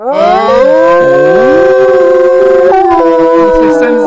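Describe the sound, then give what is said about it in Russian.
A person imitates a wolf howl: one loud, sustained vocal howl that swoops upward, holds a long wavering tone, then shifts slightly near the end. “Молодец, настоящий волк.”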